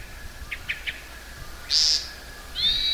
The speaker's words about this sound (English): That was also the call note or the sound that a hermit thrush makes.